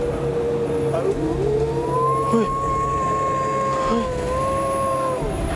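dog howling

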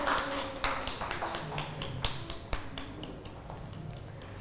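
children clapping hands

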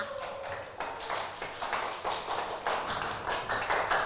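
children clapping

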